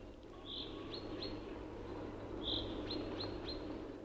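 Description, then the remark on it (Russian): A chaffinch sings in a forest in April, two short, bright phrases of quick chirping notes a few seconds apart, over a steady low background rumble. “С утра до вечера в лесу заливаются зяблики.”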